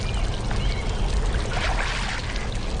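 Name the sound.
water splashing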